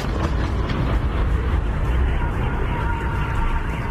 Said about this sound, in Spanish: Es el sonido de los ataques y horas antes estos ataques con drones ucranianos dejaban al menos 12 muertos y 7 heridos en la ciudad rusa de Belgorod.